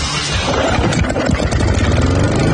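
A small lawnmower engine runs loud, chugging unevenly as if straining, with its rough, sputtering drone filling the whole stretch without any talking.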